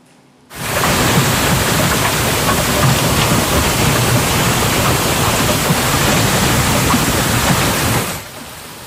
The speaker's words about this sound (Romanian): furtună devastatoare cu grindină de dimensiunea unei mici de golf la începutul verii în Statele Unite.